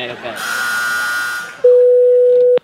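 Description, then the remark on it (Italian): A telephone dial tone cuts in after a stretch of muffled voices and noise as someone goes to make a phone call: one loud, steady, mid-pitched hum holding unchanged for about a second before stopping abruptly. “Stai zitto che adesso vado a fare una telefonata.”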